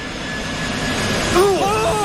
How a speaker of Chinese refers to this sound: 与此同时，375航班在地面滑行了700多米，速度逐渐加快，最终达到了每小时200多千米，顺利地冲出了九号跑道的尽头。